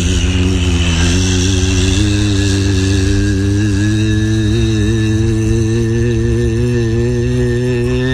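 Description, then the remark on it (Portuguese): A loud, steady airplane engine drones as it revs up for takeoff, its deep harmonic hum holding strong and rising slightly in pitch as it builds power, with no voices. “Ele disse, puxa, esse troço dá uma canção ali no motor de avião, que me inspirou isso.”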